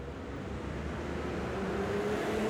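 A car engine rumbles steadily and grows slightly louder, as if a vehicle is approaching on a road, with a faint rising tonal whine near the end.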